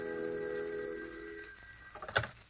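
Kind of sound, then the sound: household object, telephone bell ringing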